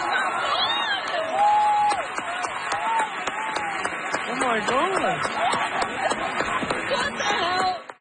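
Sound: audience cheering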